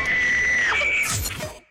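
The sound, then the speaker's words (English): A thin, high-pitched squeal from a single voice, held and then dipping, breaking into a breathy, hissing rush of air. Fairly loud, a stifled whisper scream of excitement, as when winning a K92.9 radio contest at work, with no talking. “Better use your whisper scream.”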